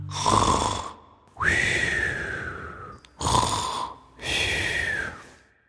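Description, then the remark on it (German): Loud snoring of a sleeping witch: two full breathing cycles, each a rough rasping inhale followed by a raspy, whistling exhale, in a slow steady rhythm with no talking. “Wenn die Hexe schließlich schläft, dann wollen wir sie nochmal sehen, wie sie da so liegt und schnarcht.”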